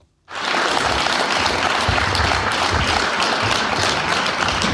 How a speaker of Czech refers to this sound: V turnovském depu ho přivítal velký potlesk.